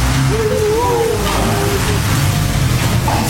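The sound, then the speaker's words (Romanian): The ruler Alexandru Suțo's car drives by in front of the ruler's palace, taking him to hospital, its engine rumble and road noise loud and filling the moment, with a faint wavering tone drifting over the top. “Transmitem chiar din fața palatului domnitorului, unde iată, chiar acum trece mașina domnitorului.”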